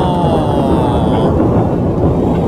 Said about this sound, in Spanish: Ahí salió recién el relámpago. Ahí viene el trueno. A ver. Ahí se escucha. Ahí viene el bombazo. Impresionante.